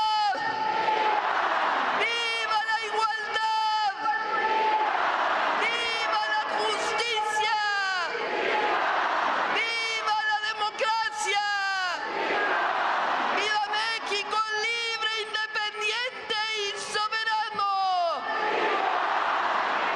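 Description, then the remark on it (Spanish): A plaza crowd of over 300,000 at Mexico's Independence Day grito roars 'viva' in repeated waves answering President Claudia Sheinbaum's cries from the National Palace balcony, thousands of voices rising together in bursts, loud and dense with a constant open-air murmur underneath. “Las arengas de Sheinbaum, una plaza con más de 300.000 asistentes, respondía con gritos de viva.”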